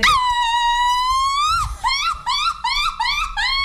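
A woman lets out a loud, high-pitched shout: one long sustained cry that breaks into a quick string of short, warbling yelps, with no other voices.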